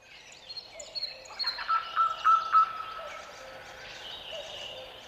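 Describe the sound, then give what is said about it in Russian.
A nightingale sings alone in the open in Kamenka, a quick run of repeated clear piping notes set among softer trills and warbles, fairly quiet. “В Каменке поет соловьи, спелые яблоки падают в траву, мягко шлепаясь, точно легкий бубен вторит птичьим трелям.”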